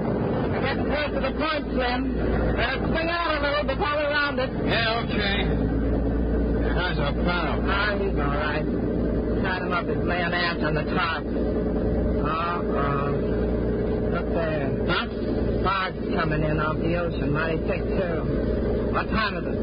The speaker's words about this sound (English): Their boat pulls away from the pier.